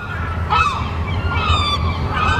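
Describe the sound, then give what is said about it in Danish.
Seagulls screeching in summertime in harsh, rising and falling cries, several calls overlapping over a steady low rumble of background noise. “Og de mange måger får telefonerne til at ringe ude hos skadedyrsbekæmperne”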